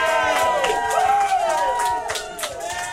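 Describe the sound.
An applause and cheering sound effect on a Thursday morning radio show from the capital of Nayarit: a crowd cheers and shouts loudly with overlapping voices, scattered clapping running underneath, steady and energetic for the full three seconds.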